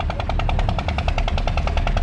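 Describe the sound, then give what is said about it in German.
Water pumps by the fields along the Nile rattle steadily, heard from the cruise ship Semiramis 3 as it moves upstream; rapid, evenly spaced chugging pulses run without a break over a low, rumbling drone. No one speaks. “Hin und wieder hört man auch das Knattern der Wasserpumpen.”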